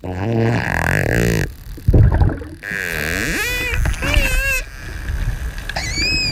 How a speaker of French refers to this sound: C'est bien un dauphin hein, qu'on entend là. Alors, qu'est-ce qu'il fait? Alors, les premières vocalisations, c'est ces clics qui sont très rapprochés. Donc, ça fait comme un buzz.